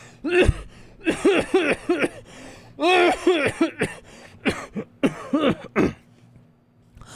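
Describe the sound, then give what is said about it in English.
A man coughs into a handkerchief in a long run of harsh, throaty bursts, about a dozen over several seconds, with brief gaps and no talking. “For several seconds, he coughed into a handkerchief, while everyone waited for him to speak.”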